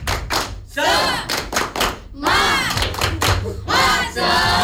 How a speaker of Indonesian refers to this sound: Kita akan melakukan tepuk semangat. Kalau semangat suaranya bagaimana? Kuat. Iya, harus kuat. Tepuk semangat.